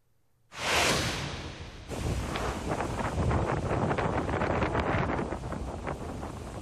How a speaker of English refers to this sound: Ooh, listen to that. All that wind and rain roaring in front of Walton and Fort Walton Beach. Yeah, travel is not recommended during this storm.